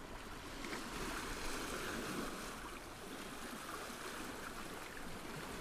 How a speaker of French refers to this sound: ces vagues qui claquent contre les falaises.